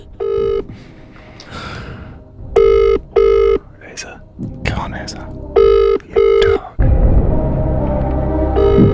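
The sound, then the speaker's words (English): A phone's ringback tone on an outgoing call to a friend repeats in short double bursts, loud and clear, with muffled voices and handling noise between rings, then a steady rumbling noise takes over. “Okay, right, I'm going to ring one of my best mates”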